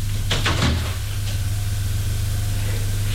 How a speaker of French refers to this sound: On frappe à la porte. Entrez.